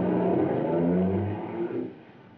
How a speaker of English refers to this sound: I watched the car till it was gobbled up by the darkness.